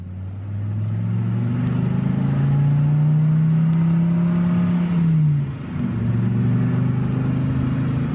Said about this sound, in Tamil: அடட, அதை பாருங்க, அர்ச்சனாவோட கார் வருதே.